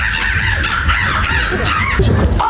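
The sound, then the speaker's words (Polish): A person imitates a crow at the third Polish Championships in bird imitation in Warsaw, producing loud, harsh, raspy caws in a quick run of repeated calls, with no other voices or sounds around them. “ludzie potrafią tylko za pomocą własnych ust brzmieć jak prawdziwe ptaki”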